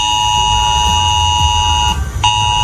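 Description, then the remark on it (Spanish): A loud, harsh emergency alert tone blares steadily from mobile phones of residents of Villanueva de las Cruces, Huelva, a town that had to be evacuated. It has a buzzy, harmonic-rich pitch and briefly cuts out near the end before resuming, over a low rumbling background. “Hoy este sonido ha sonado en los teléfonos móviles de los vecinos de la localidad de Villanueva de las Cruces, que ha tenido que ser desalojada.”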